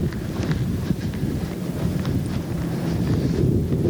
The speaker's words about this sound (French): Il y a un vent mauvais qui fouette en face du grand hôtel et des bistrots fermés de la digue de Dunkerque.